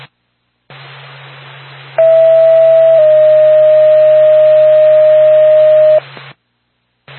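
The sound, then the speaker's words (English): A two-tone ambulance dispatch alert from Norfolk to Lancaster Ambulance over radio hiss: a steady one-second tone, then a slightly lower tone held for about three seconds, loud and unwavering, with static before and after. “Norfolk to Lancaster Ambulance, standby for tone.”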